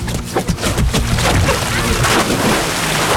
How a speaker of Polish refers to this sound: No, bo gorąco dzisiaj jest i skaczemy tak po prostu. I to przynosi faktycznie ulgę? Tak, i to bardzo. No to rozpędzaj się, a ja nagrywam twój wielki plusk.